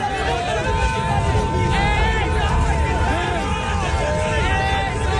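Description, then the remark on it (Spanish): A dense outdoor crowd of street protesters in Israel fills the scene with steady, loud babble and overlapping voices, shouts rising and falling through a continuous roar, with a sustained tonal hum underneath. “que en estos momentos sigue manifestándose masivamente en la calle”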